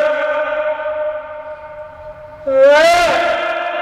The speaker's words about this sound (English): Wait, that means there's an echo wall really near. Did you hear how quickly your voice came back?